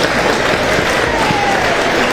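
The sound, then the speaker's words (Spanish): Loud, steady applause from an audience welcoming a body-language specialist as a guest on a show, a dense wash of many hands clapping continuously with no voices standing out above it. “Y la recibimos con un fuerte aplauso.”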